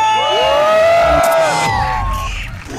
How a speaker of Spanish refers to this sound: aquí en Lomas del Camichín y en todo Tonalá se grita muy fuerte, aquí suena ¡La Qué Buena! 97.1. ¡Y venga ese grito!